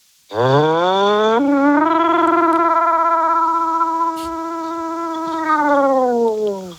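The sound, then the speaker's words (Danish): A caller from Roskilde imitates a siren with one long sustained vocal tone, rising quickly at the start, then holding a steady pitch with a slight wavering vibrato before tapering off after about six seconds. “Jamen, lad os høre noget sirene.”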